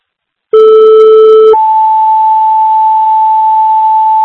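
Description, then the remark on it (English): A loud two-part dispatch alert tone calling a driver and EMT to the station: a steady lower pitch for about a second, then a higher sustained tone holding steadily to the end, with no talking. “Do you have my tone again for a driver and EMT to the station?”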